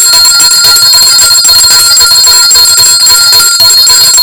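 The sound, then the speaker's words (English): A loud, continuous bell rings for several seconds with a bright, shimmering metallic tone, sustained, with no talking over it. “So we will go into playing a little bit of music, but before that, we must ring the bell again.”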